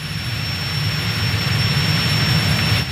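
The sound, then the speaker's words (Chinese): A steady, loud engine roar of an airplane invented by Guangtouqiang (Logger Vick), with a deep rumbling low end, droning continuously as it flies overhead, with no voices. “光头强发明的飞机竟然把我耍得团团转”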